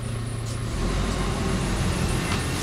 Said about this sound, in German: Heute holt Ralf das Papier mit seinem Müllwagen ab.